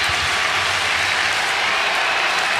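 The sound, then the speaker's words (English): A stadium crowd at a baseball game cheers in a steady, loud, dense roar mixed with clapping, holding constant throughout with no voices speaking over it. “And they weren't gone long, but the crowd's back in it.”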